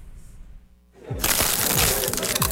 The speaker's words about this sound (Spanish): Yay Crunch, la nueva tortilla chip más crujiente y deliciosa que he probado.